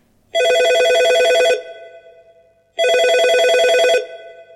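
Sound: mobile phone ringing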